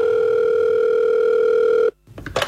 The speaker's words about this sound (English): Suddenly, a phone call.